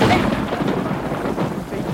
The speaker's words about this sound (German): Es hat geregnet an dem Abend.